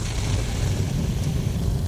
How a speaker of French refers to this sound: L'orage éclate.